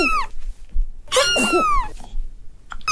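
A cat gives two strained vocal bursts, a short one and then a longer, rasping cry, like a cat coughing, with no talking around it.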